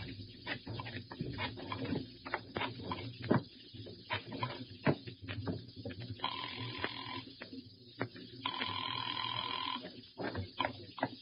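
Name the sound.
telephone ringing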